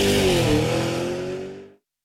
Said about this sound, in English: That sound? A windscreen becoming a crack. Smith & Smith could help repair that chip before it cracks.